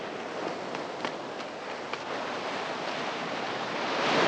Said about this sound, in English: The ambulance doors are closed, then Eric pauses to scan his surroundings before running off along a windswept beach. As waves lap the shoreline under a cloudy sky, Jack appears, gun in hand, about 100 yards behind Eric.